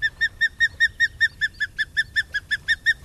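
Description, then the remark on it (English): An osprey calls in a steady, rapid series of sharp, high whistled chirps, about five per second, loud with no other voices, against faint low background rumble. “To the untrained eye, the osprey looks just like a bird of prey should.”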